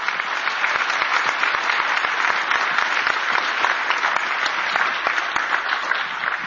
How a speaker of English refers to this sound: And so thank you, Congressman. Let's give him a round of applause for being here today.